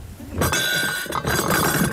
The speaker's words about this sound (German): stellt weißes Geschirr mit Goldrand auf eine Ablage aus Pappe.